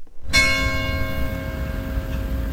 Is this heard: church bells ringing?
yes